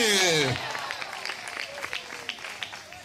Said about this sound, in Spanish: ¿Cuántos alaban al Señor en esta hora? De repente ese aplauso al Cristo de la gloria, a su nombre.